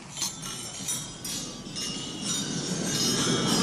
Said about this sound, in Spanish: escuchando el brindis en la cena de gala de Macron y quiero que escuchéis el ruido de las copas. Esto es real, ¿eh? En el brindis.